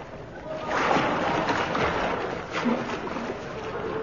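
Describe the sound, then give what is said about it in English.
Continuous splashing and churning water of people swimming in the River Thames in London on a chilly winter's night, with irregular strokes and sloshes at a steady level throughout. “It is a bit chilly, I admit, swimming.”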